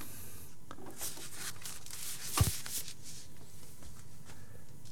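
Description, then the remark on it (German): A record player's tonearm, moving from the outside inward after Play is pressed, gives one sharp mechanical click midway, with a few fainter ticks around it over a steady, soft hiss. No one speaks. “Und man hört das Klicken vom Arm.”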